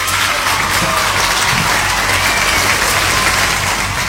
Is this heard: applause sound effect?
yes